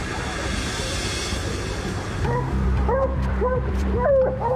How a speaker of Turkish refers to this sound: Tamam, köpeklerin sesini duyabiliyorum. Evet, ağaca kıstırmışlar. Viola ve Trixie GPS'te görünüyor. Tanrım, şuna bak. Dağ aslanı orada öylece takılıyor.